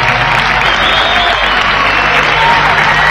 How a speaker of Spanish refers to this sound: se escuchan los aplausos.